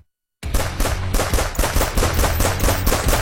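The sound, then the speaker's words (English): After a brief silence, a loud, rapid string of gunshots fires in quick, steady succession, each sharp crack blending into a continuous automatic-style volley, with no voices present. “Ready to up your shooting game and hunting skills?”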